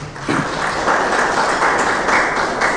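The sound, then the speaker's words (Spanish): A church audience applauds the Lord and his word during a sermon, a dense wash of many hands clapping at once, loud and sustained throughout with no voices standing out. “Vamos a darle un fuerte aplauso al Señor y a su palabra.”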